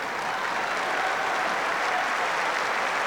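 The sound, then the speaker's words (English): Steady, sustained applause from a large crowd at a tennis match between Sabalenka and Kessler, a dense wash of clapping that holds at an even, fairly loud level throughout with no voices standing out. “And the crowd really getting into this. They've loved the quality of this match.”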